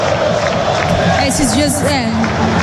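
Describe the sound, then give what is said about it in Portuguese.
A dense stadium crowd of football fans at a Botafogo match roars steadily in the second half with no goal yet, with rising chants and whistles weaving through the constant wash of noise. “Torcida bem junto aqui no estádio, mas o gol ainda não saiu.”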